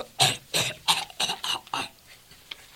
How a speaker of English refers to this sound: I need something to stop this cough.